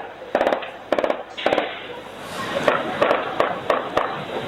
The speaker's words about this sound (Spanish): Y en este caso tuvo un resultado positivo porque en una de estas intervenciones, en esa secuencia de disparos, personal del Grupo de Operaciones Especiales ingresa